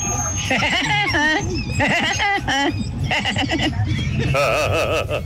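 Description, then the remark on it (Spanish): A voice mimics the call of the cartoon character Woody Woodpecker (El Pájaro Loco): loud, rapid, warbling bursts of high, bouncing pitch, broken into several quick runs that sound like a manic, cackling laugh. “Mi talento oculto, Tropicana, es ser como el pájaro, loco.”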